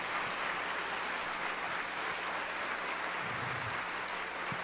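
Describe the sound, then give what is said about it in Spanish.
A church audience applauds for the Lord in a steady, dense wash of clapping that holds at an even level throughout, with no voices rising above it. “La iglesia, démosle aplausos al Señor por todas esas personas.”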